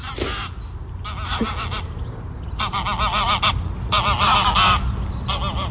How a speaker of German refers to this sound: Das waren gerade zwei Gänse. Die sahen ein bisschen größer aus als Enten.